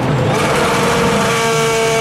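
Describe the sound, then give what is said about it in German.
A race car engine roars loudly and steadily, with a high, whining tone that holds at a constant pitch for about two seconds. A short radio jingle with no voices: BB Radio's DTM ticket sound for the DTM races at the Lausitzring. “Achtet im Programm auf den DTM-Ticket-Sound.”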